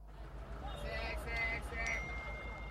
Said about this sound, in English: Charlie, notifications.